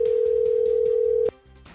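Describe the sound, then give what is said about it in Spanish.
A telephone call rings unanswered: a steady, single-pitched ringing tone holds for over a second, then cuts off abruptly, leaving quieter background sound. Beneath it runs a soft, rhythmic pulsing. “Carlos, ¿y ahí qué pasa si no contesta? Pues tenemos que escoger a otro número.”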